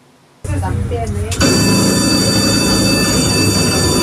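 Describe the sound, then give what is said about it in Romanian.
A tram rumbles on its rails, loud, with a steady metallic drone and thin high squealing tones; the noise jumps louder about a second in and holds. “O femeie a mers de la o mașină la alta și a vorbit cu șoferii după ce tramvaiul în care ea era n-a mai putut să înainteze din cauza că linia era blocată.”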